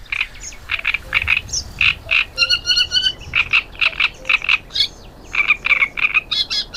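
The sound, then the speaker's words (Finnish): A great reed warbler sings a loud, harsh, croaking song of repeated grating notes in quick rhythmic bursts, broken by a few higher chattering trills, with no voices present. “Seuraavaksi viikon luontoäänen Rastas Kerttusen esittelee Juha Laaksonen.”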